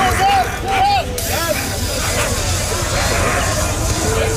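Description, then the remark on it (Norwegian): A harsh, steady hiss of tear gas sprayed by police at student protesters in the streets of Paris, France, with a crowd's constant din and a few brief shrill whistling cries early on. “Her hører vi politiet I Paris spraye tåregass mot demonstranter.”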